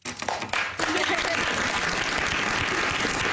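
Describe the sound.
A crowd at the signing ceremony for a law breaks into dense, sustained applause with scattered cheers and voices, loud and continuous, after a brief quieter moment at the start.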